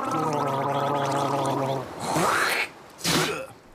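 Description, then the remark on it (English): A throaty, bubbling gargle of salt water holds steady for about two seconds, then breaks into two loud, hissing bursts like liquid being spat out. “Quick, everyone, gargle with salt water.”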